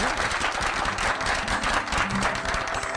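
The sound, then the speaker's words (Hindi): A crowd breaks into sustained applause, a dense crackle of many hands clapping steadily and fairly loudly for the whole stretch, with no voices standing out. “तालियां बजाइए।”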